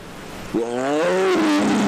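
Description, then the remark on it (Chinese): A Siberian tiger, recorded by an infrared camera in China's Northeast Tiger and Leopard National Park, lets out a single deep, drawn-out roar that rises and holds for about a second, loud against a steady background hiss. “那其中的一些影像呢还记录到了东北虎开嗓咆哮的这样的一个声音，我们接下来请导播老师给我们播放一下。”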